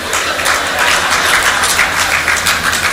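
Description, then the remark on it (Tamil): A crowd applauds steadily, many hands clapping in a dense, continuous wash of sound that stays loud and even throughout, with no voices standing out. “ஜோராக கை தட்டுறவங்க எல்லாம் முழுமையாக அனுபவித்தவங்க.”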